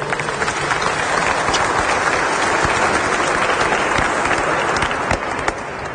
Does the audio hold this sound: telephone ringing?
no